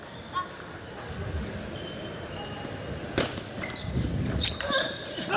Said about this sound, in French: Oh super service. Le service qui rebondit sur le coin du milieu de la table. C'est exceptionnel la précision qu'a réussi à avoir Alexis.